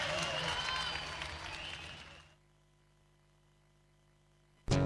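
Loud audience applause with some cheering for the Compañía Sentíes fills the first two seconds, fades slightly, then cuts off abruptly into near-silence before a brief burst of sound at the very end.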